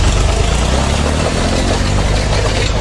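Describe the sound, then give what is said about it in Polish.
A farmer's tractor engine, pulling a plough, rumbles loudly and steadily, its low drone layered with continuous harsh scraping and crunching as freshly laid asphalt on Rybacka Street in Gliwice is torn up along nearly 200 metres. No voices are heard. “Ciągnikiem zaorał świeżo wylany asfalt.”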